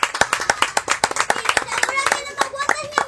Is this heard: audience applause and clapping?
yes